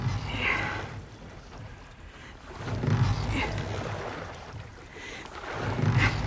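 Oars dip and pull through water in slow, regular strokes, each one a splashy swish roughly every few seconds, over a soft background of lapping water and faint wind.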